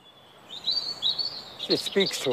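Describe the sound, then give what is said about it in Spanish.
Birds chirp in high, thin repeated tweets that carry on steadily, with a voice briefly speaking underneath toward the end; the birds live in the old holes of a handmade, thin cylindrical structure. “Y los agujeros. Aún puedes verlos. Ahora viven pájaros.”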